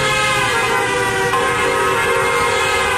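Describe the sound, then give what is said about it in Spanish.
A car horn blares in one long, unbroken, loud honk, holding steady for the whole stretch with no voices, from a car that is also flashing its headlights. “Ese auto nos está haciendo señales con sus luces.”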